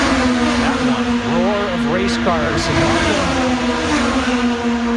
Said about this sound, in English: race cars. They are loud.